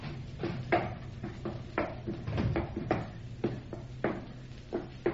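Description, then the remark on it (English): A wooden hatch is worked open with a string of hollow knocks and clunks, some faint creaking between them, spread unevenly over several seconds with no voices. “we will go below and see if we can locate Granger's cabin. Ah, there is the hatch.”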